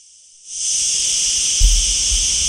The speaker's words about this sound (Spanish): Esto que escuchan es la chicharra que ya la hemos escuchado durante la mañana de hoy en alguna que otra conexión.